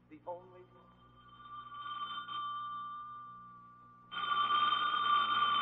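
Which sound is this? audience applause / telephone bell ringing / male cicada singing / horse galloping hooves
telephone bell ringing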